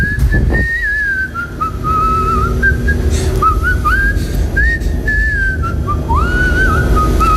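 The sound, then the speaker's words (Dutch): Someone whistles a melody for several seconds, the notes sliding and wavering over a dense, low rumble of background noise, with no talking. “Nou, laten we eerst even naar het fluitje van jou horen.”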